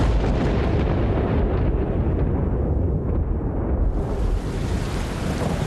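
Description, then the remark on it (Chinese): A deep, sustained rumble of thunder rolls on for several seconds as rain falls in the rainy season, loud with a heavy low-end roar and no voices, swelling and settling without a clear break. “哟，打雷了，这都下雨了。”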